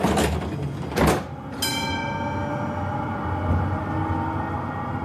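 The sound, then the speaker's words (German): A Munich tram's doors hiss and thump shut in two short bursts, a bright ringing bell tone follows and lingers, then a steady low motor rumble carries on as the tram pulls away. “Also nehmen Sie bitte Platz, machen Sie es sich gemütlich und dann fahren wir ab.”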